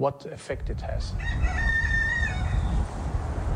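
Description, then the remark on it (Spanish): A rooster in a garden with a few sheep crows once in a long, drawn-out call lasting a couple of seconds, heard outdoors over a steady low rumble of wind or background noise. “En su jardín, un gallo y unas cuantas ovejas se acercan a nuestro paso”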